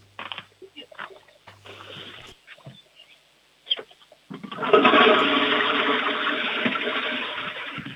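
A loud toilet flush in the Ländle roars in after a few seconds of faint clicks and handling noises, a sustained rushing gush of water that stays strong before slowly easing off.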